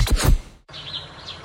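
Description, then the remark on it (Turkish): Light spring bird chirps and tweets sound over a soft, sunny outdoor ambience after a brief low thump and a moment of silence, the calls high-pitched. “Güneş, kuş sesleri ve bonuslar.”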